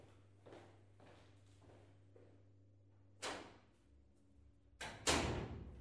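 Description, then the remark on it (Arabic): A door being opened: a few soft bumps, then a sharp rattling clack and a louder scraping thud near the end, over a steady low hum with no talking. “أنا مقعد يمه، افتح الباب.”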